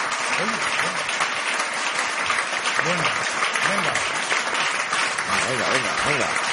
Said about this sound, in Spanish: Bueno, ya, eso ha sido un señor aplauso. Sí, no, ese aplauso está bien. Es casi, se puede considerar una ovación.